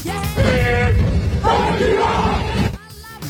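A large crowd at a military parade roars the 'Decima' military battle cry in unison, loud massed voices sustained over two long swelling shouts before cutting off abruptly near the end.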